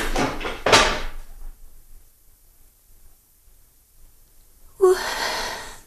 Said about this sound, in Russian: Что там за шум? А, какой шум? Там кто-то стул опрокинул.